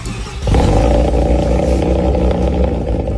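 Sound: car engine roaring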